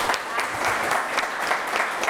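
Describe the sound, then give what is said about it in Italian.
Steady audience applause, a dense patter of many hands clapping at an even level throughout, with no voices standing out. “Un applausone.”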